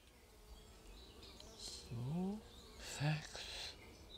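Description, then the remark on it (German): Honeybees buzz in short, louder bursts around a breeding queen bee at the bee institute in Celle, Germany, over a steady murmur of background noise, with a few faint higher sounds mixed in. “Die promovierte Biologin freut sich über das internationale Interesse an den Zeller Zuchtbienen.”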